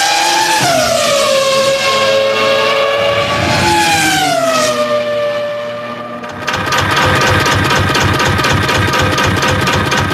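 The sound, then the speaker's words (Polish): Loud, high-revving race car engines, driven at over 300 km/h, scream past, their pitch dropping sharply with each pass, then a dense roaring rush of engine noise fills the final seconds. No one speaks. “Są wyścigi, w których liczy się każda setna sekundy. Kierowcy osiągają ponad 300 km/h.”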